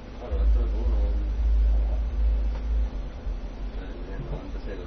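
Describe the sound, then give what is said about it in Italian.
A car engine revs with a deep, loud rumbling roar that holds for a few seconds, then eases off to a lower idle, with some background voices. “Di chi è questo simpatico Roma, impiantino di macchina?”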